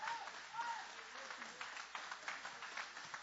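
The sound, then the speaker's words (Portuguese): An audience applauds God in a steady, dense wash of clapping, with a few brief voices rising faintly above the crowd noise. “Pode tomar, meus irmãos, o vosso assento, guarda a Bíblia com carinho e podem aplaudir a Deus com alegria.”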